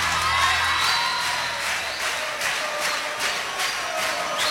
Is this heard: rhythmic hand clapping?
yes